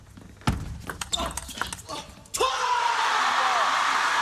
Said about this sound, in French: C'est pas souvent qu'on entend crier Wang Shuxin et s'encourager comme ça